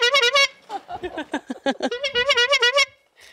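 A quick burst of several bright, nasal horn honks, then a brief stretch of voices, then another rapid string of loud honks.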